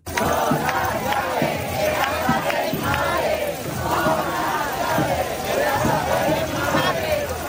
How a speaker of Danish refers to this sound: De har boet i telte på byernes pladser og torve, og de er raslet med nøgler til deres forældres huse, som de råber her i Madrid.